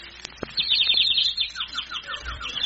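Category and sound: bird, small bird chirping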